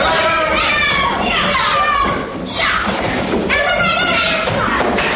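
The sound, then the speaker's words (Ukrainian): A roomful of children shouting and calling out together, with dull thumps and thuds mixed into the loud, continuous commotion, as children in a school classroom practice hand-to-hand combat techniques. “І ми опиняємося разом з оператором у шкільному класі, де дітлахи повторюють прийоми рукопашного бою.”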